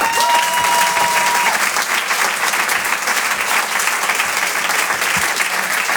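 The audience at the Rire et Chanson Comedy Club breaks into loud, sustained applause to welcome comedian David Bugnac, a dense, steady wash of clapping that holds at full strength for several seconds, with no one speaking over it.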